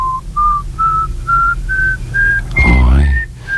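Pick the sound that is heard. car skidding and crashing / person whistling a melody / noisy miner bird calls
person whistling a melody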